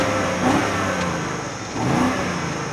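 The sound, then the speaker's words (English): A BMW sports car engine revs sharply through its exhaust twice, each blip rising and falling in a loud, snarling burst over a steady rumbling idle, with no one speaking. “And finally, the exhaust tips feel properly integrated. And yes, this thing sounds angry too.”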